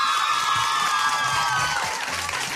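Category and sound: crowd, audience cheering and applause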